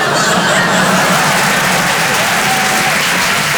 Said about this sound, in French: Et on court tous comme ça, enfin vous, on va vous déposer le long du trajet, comme ça, et vous pourrez nous applaudir.